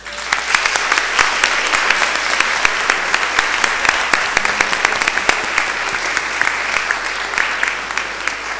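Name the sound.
audience applauding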